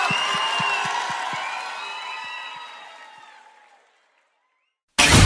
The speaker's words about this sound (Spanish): aplauso muy, pero muy gracias. Fuerte para Euge Quevedo.